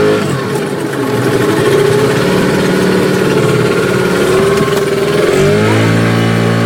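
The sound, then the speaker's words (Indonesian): A boat engine runs steadily and loudly in Kampung Laut, where boats are the main means of transport, a continuous droning rumble that rises slightly in pitch near the end, with no voices. “Di Kampung Laut, perahu menjadi sarana utama transportasi”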